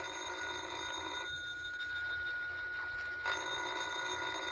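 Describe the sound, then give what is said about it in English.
A telephone bell rings with a bright metallic trill, stops for about two seconds, then rings again. It is fairly loud, with no talking over it. “Well, ain't you going to answer the phone?”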